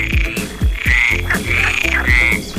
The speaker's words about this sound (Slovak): Toto je krásne. Nádherný zvuk. Len my kto to vie, teda čo pri tom tie žaby robia? Žaby, čo prirobia pri tomto zvuku?